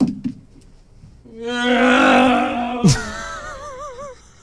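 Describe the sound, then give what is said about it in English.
A voice imitates a revving car engine: a loud, buzzy sustained drone swells up, breaks with a sharp sputter, then trails off in a wobbling, warbling pitch before fading out. “Give us your best rev noise”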